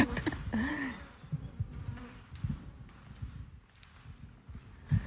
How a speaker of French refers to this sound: Bon, en tout cas, elles sont pas agressives, ces abeilles. Moi, je suis admirée. On voit que ça ne rentre pas forcément du pollen, donc si ça, on voit pas de petites boules sur leurs pattes